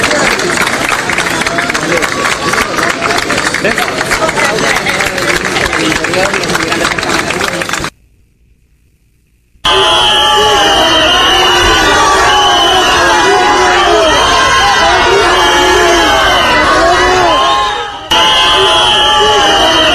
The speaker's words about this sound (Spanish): Insisto, Marlaska, aplaudido por los invasores y silbado por los españoles.